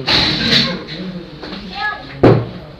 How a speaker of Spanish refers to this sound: No, es la silla rota, seguro.